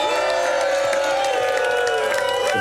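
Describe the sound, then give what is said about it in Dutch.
A crowd of enthusiastic fans in Schelde-Winneke cheers loudly and continuously, a dense wall of shouting with sustained, held cries and whoops ringing through it for the whole stretch. “Laat jullie eens horen allemaal.”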